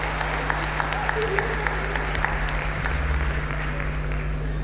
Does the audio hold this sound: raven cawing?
no